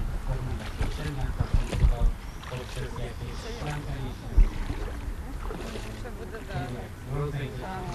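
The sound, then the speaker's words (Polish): Steady murmur of the moving water of the San River near Przemyśl, continuous, with paddling or boat knocks and a couple of sharper splashes. Indistinct voices talk faintly underneath. “Ale my wierzymy, że również ona, rzeka. No, albo on, szemrzący, nieśpieszny San.”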